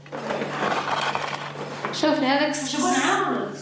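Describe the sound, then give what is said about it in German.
Metal dishes and pots clink and clatter in quick, irregular knocks as lunch is being cooked, with a steady low hum underneath, and then a person starts talking over the clattering. “Bald gibt es Mittagessen.”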